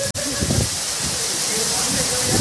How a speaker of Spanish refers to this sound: Oigan, qué fuerte estuvo la lluvia, O sea, nada más para que se den una idea, a ver.